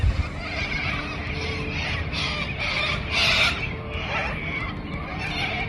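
A large flock of birds screeching and squawking all at once, a dense, continuous chorus of harsh overlapping calls that stays loud and close throughout.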